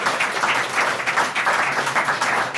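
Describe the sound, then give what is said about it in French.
A hall full of people, association members and volunteers, applauding: a dense, steady patter of many hands clapping at once, loud, sustained throughout without any talking over it. “Applaudissez, comme ça on vous entend à la radio, parce que les mains levées, ça ne sert à rien.”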